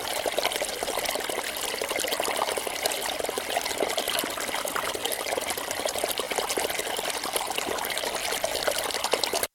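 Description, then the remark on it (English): Fast-flowing stream water rushes and gurgles over stones in a steady, continuous wash, fairly loud, with no voices, in a cold, windy place with snow and sharp rocks. “It's fast-flowing water, rushing over stones, gurgling. The water was, most of the time, it was beside me, on my left.”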